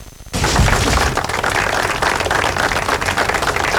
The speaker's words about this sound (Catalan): Amb aquests aplaudiments ha acabat el minut de silenci que ha tancat la commemoració del 9è aniversari de l'atemptat del 18 d'agost del 2017 a Cambrils, al Baix Camp.